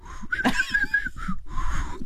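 A failed attempt at whistling: airy, breathy blowing with a thin, wavering tone that flickers in and out, followed by two more short puffs of breath. No talking.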